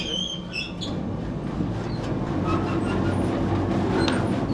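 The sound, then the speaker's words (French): A grain cleaner-separator machine runs steadily, a dense, constant mechanical rumble and rattle with a deep hum underneath and a few short high-pitched squeals at the start. “Ça, c'est le nettoyeur séparateur.”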